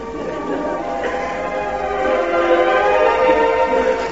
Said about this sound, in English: Oh, whistle. Sorry about that.